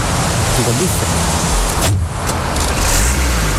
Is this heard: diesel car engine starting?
yes